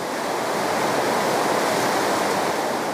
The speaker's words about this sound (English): The heavy rain caused the river to swell dramatically. It's carved out a new path and destroyed the roadway.